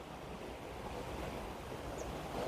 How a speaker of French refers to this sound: Mais sur le bout de la langue de mer, qui fait ses petits bruits de vagues, ça lui donne un petit côté noir sombre.